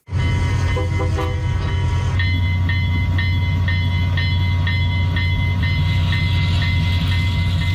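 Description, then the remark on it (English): A restored old train of the East End Scenic Rail Tours rolls along the rails, its heavy low rumble carrying a steady, regular clickety-clack. A brief tonal blast sounds near the start. No one speaks. “A farmer from North Battleford spent the past 13 years buying up old train equipment and restoring it, and now Gary Southgate is seeing that hard work pay off.”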